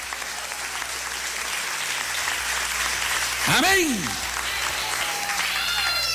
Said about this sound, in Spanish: ¿Cuántos alaban al Señor? Dele fuerte ese aplauso.